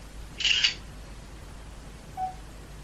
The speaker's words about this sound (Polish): Proszę nie poruszać aparatem. Odczytywanie wyrównania. Góra krawędź jest widoczna. 60% wypełnienia, obrócony 7 stopni zgodnie z ruchem wskaz. Dobrze, i tak zrobię zdjęcie. Wykonywanie zdjęcia.